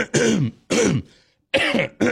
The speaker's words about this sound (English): I gotta clear my throat, man. It's just that, I don't know, it's something about that growl.